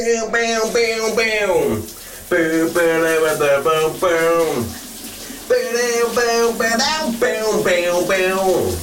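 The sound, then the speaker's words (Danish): Steady rushing water from a running shower fills the background while a radio host's colleague sings a big summer hit loudly and melodically in bursts over it on a Thursday morning, echoey. “Du får dagens brusebadshit.”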